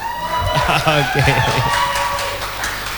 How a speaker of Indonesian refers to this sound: Sekali lagi dong, beri tepuk tangan yang sangat meriah.